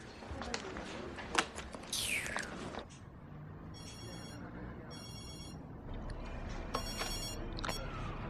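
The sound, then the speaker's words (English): A telephone rings in several short, clear electronic bursts separated by brief pauses, over a steady background of room noise and rustling. “I have to do everything myself. Phone.”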